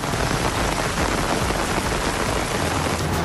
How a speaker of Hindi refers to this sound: श्रीनगर के कई इलाकों में जोरदार बारिश, तापमान में दर्ज की गई गिरावट।